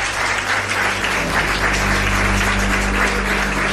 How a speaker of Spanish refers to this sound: Pido un aplauso para ellos dos, nuestros primeros invitados.